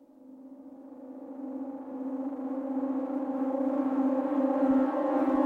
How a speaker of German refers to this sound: Als das abwärts fahrende Aufzuggeräusch verstimmt, gehen die schon einmal gehörten Sirenentöne los.